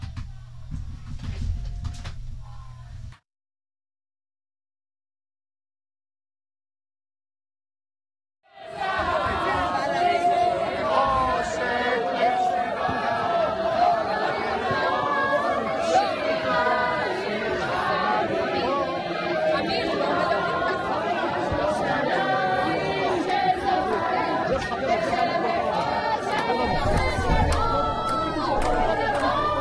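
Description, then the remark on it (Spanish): A large crowd of activists against the imposition of religion in Jerusalem shouting together in a loud, dense roar of overlapping voices that holds steady for about twenty seconds, after a short burst of noise and a few seconds of silence. “Bueno, lo escuchan ahí de fondo, la gente gritando.”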